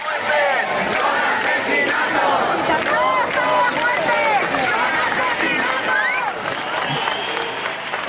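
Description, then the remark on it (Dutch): A large crowd of protesters in the street in Spain, more than 20,000 people protesting the housing crisis, chants and shouts together that the deaths are murders, many voices overlapping in a loud, steady roar that carries on without pause for the whole stretch. “Het zijn geen sterfgevallen, het zijn moorden, roepen de demonstranten.”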